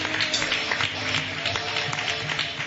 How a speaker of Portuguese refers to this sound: A igreja, vamos receber o servo de Deus com palmas de vitória para Jesus. Não está fraco, mas palmas para Jesus.